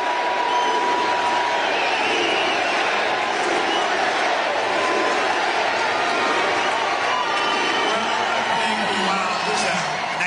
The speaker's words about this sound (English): He's walking up to the microphone now. Getting a USA chant.